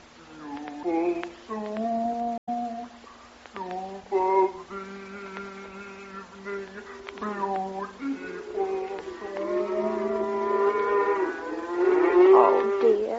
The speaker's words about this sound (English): Only the cows. They're driving them home now.